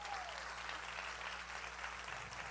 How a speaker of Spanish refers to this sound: Sí, ese es el aplauso.